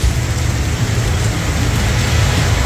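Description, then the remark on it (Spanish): Steady, dense rain hisses without pause over a deep, continuous low rumble of an electrical storm in Linares. No voices are heard. “Qué buen registro igual de tormenta eléctrica de ese Linares, sin duda.”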